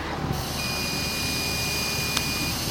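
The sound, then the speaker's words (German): A breathalyzer gives a steady, thin high-pitched beep lasting about two seconds over a constant rushing breath noise as someone blows into it, with a single sharp click near the end; the device then reads 0.0. “Ich habe eben so ein Gerät und puste einfach mal rein, weil, naja, ich hatte gestern vielleicht auch das ein oder andere Bierchen, deswegen puste ich jetzt auch mal rein.”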